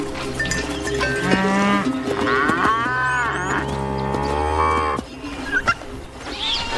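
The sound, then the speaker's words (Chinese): Several cattle moo loudly and repeatedly in a reserve crowded with livestock, overlapping in long drawn-out calls from a herd, with a faint clank like a cowbell and rustling movement in the background. “成千上万的山羊、牛和骆驼挤满了保护区”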